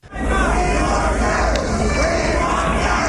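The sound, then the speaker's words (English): A hostile crowd of opponents in the American South jeers at Lady Bird Johnson during her Lady Bird Special whistle-stop tour, many voices overlapping in a dense, rowdy roar with shouted calls rising above it throughout. “There were opponents who showed up and jeered at her, called her Blackbird for her support for civil rights, but Lady Bird held her own.”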